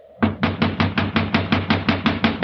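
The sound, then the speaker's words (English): Loud, rapid knocking on a locked door to wake a man inside: about a dozen sharp, evenly spaced blows in a steady, insistent rhythm, each a hollow thud with no voices. “You'll just have to keep knocking till he wakes up.”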